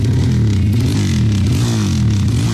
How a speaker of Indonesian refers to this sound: Makanya gak usah aneh-aneh, pakai knalpot brong segala lagi. Buruan, ganti sana knalpotmu. Tapi keren kan suaranya?